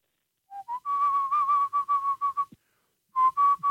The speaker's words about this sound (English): That was the pan flute from The Lion King.